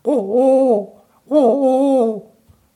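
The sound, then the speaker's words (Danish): A person imitates a wood pigeon's cooing with their voice: two drawn-out, tonal hoots, each fairly loud, separated by a short pause, ending with a faint click. “Det var en ringdue. Og grunden til, at jeg lige sidder og laver det, det er, fordi det er sgu svært at lave de her fuglelyde, og duer, det er måske nogle af de letteste.”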